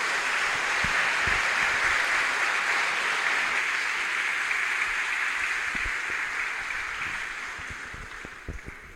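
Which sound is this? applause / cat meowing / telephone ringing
applause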